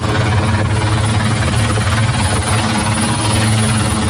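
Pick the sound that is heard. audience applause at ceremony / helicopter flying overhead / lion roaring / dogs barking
helicopter flying overhead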